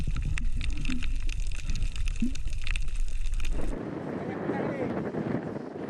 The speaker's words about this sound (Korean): 파도가 점점 거칠어지고 있습니다. 때마침 비가 쏟아집니다.